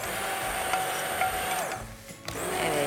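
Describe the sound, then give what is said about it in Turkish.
A blender whirs loudly and steadily, pureeing soup, briefly easing off near the end before revving back up. No one speaks. “Çorbamızı blenderdan çekmeye.”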